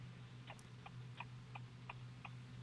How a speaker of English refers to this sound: Yeah, and I hear the blinker going. I want you to focus. Sorry, I'll turn it off. It was hazards.